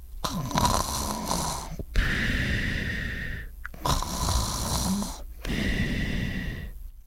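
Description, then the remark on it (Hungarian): Loud, rasping snores roll in a steady rhythm, four long drawn-out breaths with short pauses between them, prominent with no talking. “Amikor aztán éjfél tájt, meghallotta a sárkán lépteit, hatalmas horkolásba kezdett.”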